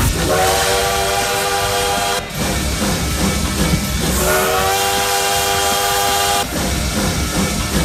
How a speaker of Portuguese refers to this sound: Até no ponto final, até às 7 da noite, porque o trem bala já tá por aqui, ó.